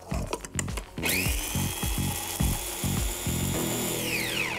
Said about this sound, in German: Ein bisschen Mehl mit dem Pfeffer rein in den Mixer und das alles schön zermahlen. Das gibt die volle Aromatik.